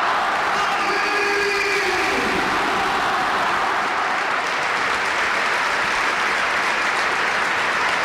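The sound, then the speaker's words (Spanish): A large crowd at the Bernabéu stadium applauds steadily, a dense, continuous wash of clapping for the whole stretch, with faint whistles rising early on and a roar underneath, as a Real Madrid player takes his farewell through a guard of honour from Real Madrid and Athletic players. “Escuchamos al Bernabéu.”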